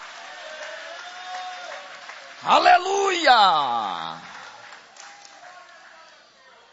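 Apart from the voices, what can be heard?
audience applauding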